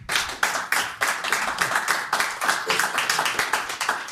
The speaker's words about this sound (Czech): Tak to je na potlesk.